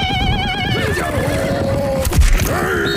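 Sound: horse neighing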